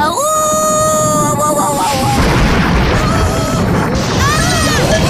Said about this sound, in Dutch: Wat een donders geknal, zeg.